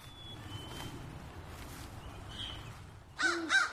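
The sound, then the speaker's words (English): A crow harassing an owl gives two harsh caws close together near the end, loud and nasal, over a steady low rumble of outdoor background noise with faint chirps earlier. “Ooh, a crow's going to harass it, too.”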